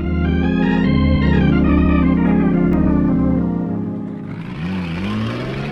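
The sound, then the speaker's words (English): Loud pickup truck engines rev and roar as two trucks race on hilly roads, their pitch climbing and holding with a steady harmonic whine, then dropping into rougher, shifting revs as the trucks accelerate, with no talking. “He thinks his truck has more power than mine.”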